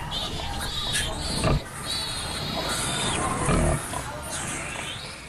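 Ten newborn piglets and their mother grunt and oink in a busy, continuous chorus, with high-pitched squeals layered over the low grunting and two louder bursts of noise partway through.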